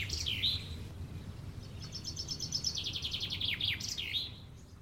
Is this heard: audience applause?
no